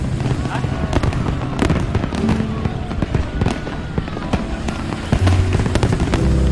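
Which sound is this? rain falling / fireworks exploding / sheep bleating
fireworks exploding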